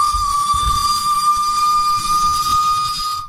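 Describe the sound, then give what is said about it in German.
A loud, sustained steam train whistle blows as one continuous high tone for about three seconds, with airy hiss and a low rumble underneath, then cuts off abruptly. “War eine Pfeife von dem Zug.”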